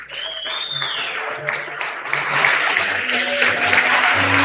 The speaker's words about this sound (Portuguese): O deputado agora outorga o colar de honra ao mérito, um momento importante. Uma salva de palmas nesse momento de consagração do trabalho desse jovem